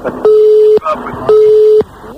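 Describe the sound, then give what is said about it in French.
A busy tone after a dropped phone call: two loud, steady, mid-pitched beeps, each about half a second, separated by a short gap, with faint background voices murmuring underneath. “Je sais pas ce qui a coupé, mais ça a coupé, en tout cas.”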